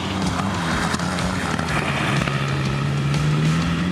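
An old car engine with a lot of torque at low revs drones steadily under constant road and wind rush during a test drive, its low hum dipping briefly and then climbing gradually in pitch as the car pulls ahead. No one speaks.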